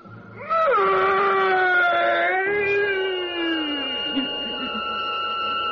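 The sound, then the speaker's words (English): A single fearsome shriek as a priest drives a sharpened oak stake through a body in a coffin, loud and sustained for several seconds with a piercing, wavering pitch that sags and trails downward at the end. No one speaks. “The priest drove the sharpened oak stake through the body, and that fearsome shriek, which still sounds in my dreams, rent my ears.”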